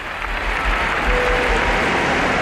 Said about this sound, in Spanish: Aplauden todos. El primero, el Papa León XIV, que está emocionadísimo con lo que ha vivido.